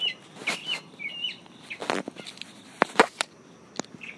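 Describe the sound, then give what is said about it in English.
Birds chirp and tweet outdoors under a tree in South Carolina, several short calls overlapping, with a few sharper chirps and faint rustling in a quiet open-air background. “Okay, so that's been my bit to your bit, from South Carolina, underneath a tree with the birds.”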